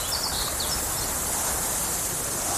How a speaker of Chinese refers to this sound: 草原，大海。如果有一天，这些美好的声音突然消失